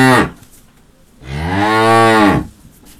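A cow lets out a long, loud moo lasting over a second, its low harmonic tone rising and falling, just after the tail end of an earlier call.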